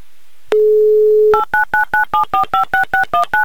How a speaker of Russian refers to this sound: Еще раз набрала номер телефона Артемия. Звоним мы в Красногорск.